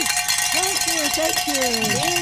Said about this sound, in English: Ladies and gentlemen, we did ring it. Some bells. Woo!